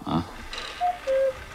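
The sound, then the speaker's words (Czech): A cuckoo clock calls two clear, whistle-like notes, the second lower and longer than the first, after a short burst of voice at the start. “O, kukačky.”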